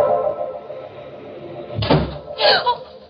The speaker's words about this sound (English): Once more, I inched the door open.